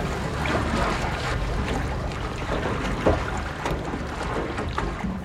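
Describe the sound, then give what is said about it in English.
A research boat moving across Utah Lake, with a steady low rumble, rushing splashes and gusty wind buffeting the microphone, continuous, with no voices. “He graciously took us out on Utah Lake in his research boat as we were first dipping our toes into this whole matter.”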